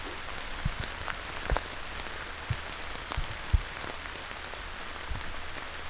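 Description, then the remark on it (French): Rain falling in big, heavy drops, a steady wash of patter with irregular louder splats; no voices. “Lorsque la pluie tombe à grosses gouttes, j'ai une belle occasion de dévoiler la végétation autour de moi.”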